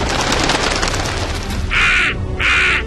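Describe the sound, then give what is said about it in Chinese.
A crow caws twice, two harsh, loud, raspy calls in quick succession, following a stretch of steady hissing background noise with no voices. “乌鸦婆婆啊，如果要去拿鲜奶泉，我不是被大蛇吃掉，就是被它喷出来的火焰和热水烧死、烫死，我该怎么办？”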